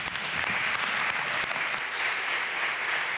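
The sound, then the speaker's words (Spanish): A steady burst of applause from a crowd in tribute to Mari Carmen, dense and even clapping that holds at a constant level for about three seconds before cutting off abruptly, with no voices standing out. “Este aplauso va por ti.”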